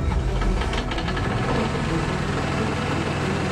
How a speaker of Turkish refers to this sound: Pompayı rölantiye al. Bir dakika daha ısınsın.